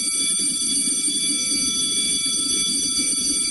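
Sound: school bell ringing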